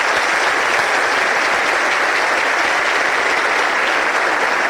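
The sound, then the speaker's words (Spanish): Sustained applause from a large, seated audience for the President of the Republic as he leaves the opening of a congress, a dense, steady wash of many hands clapping at once, loud and continuous throughout with no voices standing out. “Pedimos al público que permanezca sentado y unos aplausos para el señor Presidente, quien se retirará para continuar con sus actividades oficiales.”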